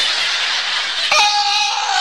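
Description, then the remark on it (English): A person lets out a loud, performed scream, starting as a harsh, breathy rasp and breaking into a sustained high-pitched shriek for about a second. “Then I would scream.”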